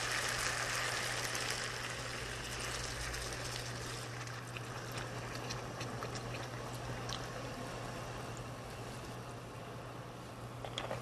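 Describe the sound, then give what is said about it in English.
About 500 milliliters of water pours steadily into a cooking pot for several seconds, a continuous splashing rush with a low steady hum underneath and no talking. “Now we're gonna pour in some of the water. This is about 500 milliliters.”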